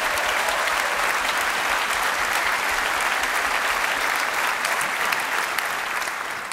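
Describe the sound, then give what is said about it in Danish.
A crowd applauds steadily, a dense wash of clapping hands that holds at an even, fairly loud level for several seconds before easing slightly at the end. No one speaks over it. “Giv ham bare lige et ekstra bifald.”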